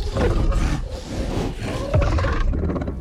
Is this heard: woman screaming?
no